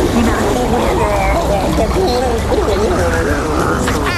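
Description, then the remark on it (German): A loud, steady swish of fresh water sloshing around a mouth as it is rinsed and gargled after toothbrushing, with warbling, bubbly voice-like tones running through it for several seconds. “Aber dafür kommt jetzt noch eine Ladung frisches Wasser für dich.”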